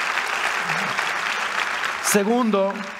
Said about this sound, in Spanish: Vamos, si vas a aplaudir, hazlo con ganas, iglesia.